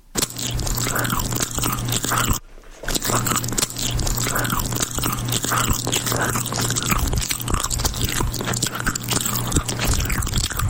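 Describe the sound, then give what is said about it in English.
Loud chewing of food, wet and crunchy mouth sounds repeating steadily for about ten seconds with one brief pause, no talking. “Chewing is a common sound that falls under the misophonia banner that drives people absolutely batty.”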